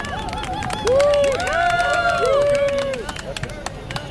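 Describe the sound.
A crowd at a demonstration rally breaks into steady applause as the campaign manager is called onto the stage. Dense clapping mixes with rising whoops and cheers from several voices, loud and continuing throughout.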